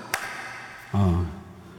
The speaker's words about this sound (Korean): 박수 쳐야 돼. 박수 쳐야 돼. 이제 박수 쳐야 돼. 에코 들어간 박수는 어떤가요?